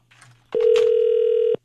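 telephone ringback tone

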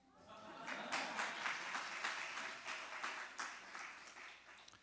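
audience applause

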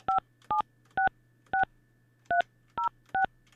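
telephone keypad dialing tones

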